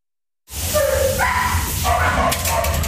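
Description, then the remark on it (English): Several dogs bark, yelp and whine together in an echoing animal shelter, where foster pets of University of Alabama students return over the summer; a steady, fairly loud chorus that starts abruptly and keeps going without pause. “That means the dogs and cats they've taken in as foster pets go back to the shelter.”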